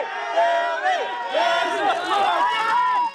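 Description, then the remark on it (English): A crowd of fans in a New York alley in 2019 shouting and screaming excitedly as a pop star, coming out of a talk show appearance, stops to chat and give hugs; some boo. Many high-pitched voices overlap in a steady, loud din with rising and falling cries throughout. “It's …, and some are shouting in excitement as she stops to chat and give hugs.”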